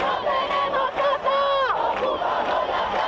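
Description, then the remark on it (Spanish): A crowd of protesters at a housing demonstration in Spain chanting and shouting together, voices loud and sustained for about three seconds, with overlapping calls and one rising-falling cry in the middle. “vamos a seguir palpando el ambiente de las protestas que se están produciendo, se siguen produciendo en nuestro país”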